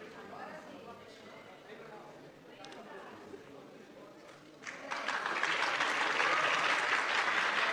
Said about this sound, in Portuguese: Pode tirar também, que isso daí não vale, já vão ficar ouvindo aplausos dos malucos aí, Deus me livre, tá?